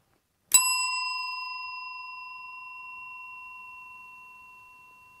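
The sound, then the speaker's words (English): A single strike of a small bell rings out clearly, its bright metallic tone sustaining and slowly fading over several seconds with a long, shimmering decay amid silence. “Lauren's got a bell next to her.”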